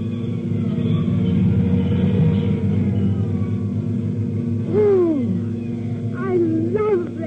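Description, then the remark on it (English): A deep, steady engine rumble fills the scene, loud, as fire engines roll by up 4th Street, answering an alarm at box 1167, Morton and 3rd Streets, with brief rising-and-falling siren wails cutting in near the end. “Nobody will remember anything but the engine.”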